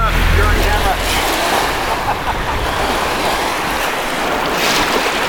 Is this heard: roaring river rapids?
yes